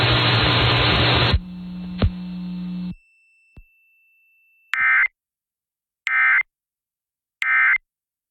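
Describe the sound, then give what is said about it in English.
A burst of harsh static and a low electronic hum give way to three short, loud digital tone bursts, evenly spaced about a second apart, closing out a broadcast test. “tones will conclude this test.”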